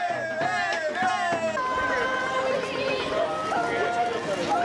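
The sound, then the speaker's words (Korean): A street crowd cheers loudly and steadily at a festival street parade of Korean performers in thick hanbok, many overlapping voices shouting and calling out together in a dense, continuous roar. “한국 공연에 대한 열띤 관심, 고맙게도 환호해 주네요.”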